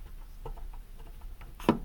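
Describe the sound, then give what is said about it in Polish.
Mixer knobs being turned, making a few faint, irregular plastic ticks followed by one sharper, louder click near the end, with no voices. “Pokrętła, jak się kręcą, wydały taki dźwięk.”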